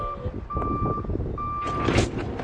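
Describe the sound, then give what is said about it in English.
A delivery truck backs up to a grocery store in Cody, Nebraska, to drop off boxes of inventory. Its reversing alarm sounds in steady, evenly spaced beeps over a rumbling engine, with a burst of louder mechanical noise near the end. “Once a week, workers roll boxes of inventory off a truck into the Circle C Market.”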